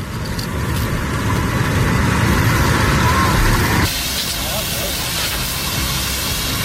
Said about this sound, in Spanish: Es el sonido de las tareas de extinción en la zona cero de la tragedia. Más de 500 efectivos siguen a esta hora intentando apagar el incendio.